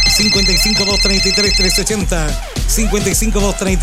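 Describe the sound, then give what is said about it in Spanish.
A telephone rings on Radio Alegría del Transporte with a steady, high electronic tone for the first couple of seconds, layered over a loud melodic voice or jingle that continues after the ringing stops. “¿Le gusta el teléfono?”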